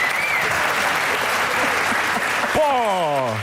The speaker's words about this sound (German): vielen Dank, dann ist ein Applaus.